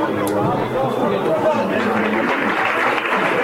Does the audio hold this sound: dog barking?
no